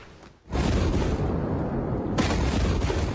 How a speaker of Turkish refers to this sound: Yüzlerce kilometre öteden duyulacak kadar şiddetli bir patlama. Lübnan'ın başkenti Beyrut'taki patlamanın görüntüsü hala dün gibi akıllarda.